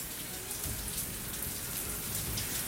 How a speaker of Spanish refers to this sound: Llueve, se largó intensamente.